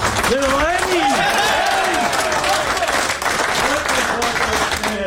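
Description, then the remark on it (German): Steady, dense applause fills the Swiss national team's locker room as Roger Federer visits, with voices calling and cheering over the clapping throughout. “Und mit Empfang und viel Applaus empfangen worden.”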